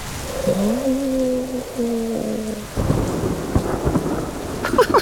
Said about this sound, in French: Et maintenant, il entend le tonnerre. Et voilà, encore un éclair. Le tonnerre gronde, gronde. Il gronde de plus en plus fort. Boum, bang, boum.